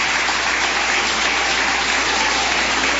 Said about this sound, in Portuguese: Cumprimento a amada igreja com a paz do Senhor Jesus, amém? Só aqueles que têm essa paz, pode bater mais palmas. Vai, glória.